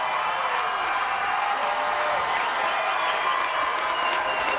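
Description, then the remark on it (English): A big ballpark crowd at a baseball game in Daybreak claps along and cheers in a steady, dense wash of noise, sustained and fairly loud throughout with no clear pauses, a few voices rising above the roar. “Quick hush from the crowd, and then they pick back up. Clapping along all night long.”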